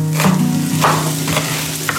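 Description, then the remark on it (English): Food frying in a pan as a woman cooks borscht, a traditional Ukrainian soup, in the kitchen: a steady sizzle with small crackles and pops over a constant low kitchen hum. No one speaks. “She is making borscht in the kitchen, a traditional Ukrainian soup.”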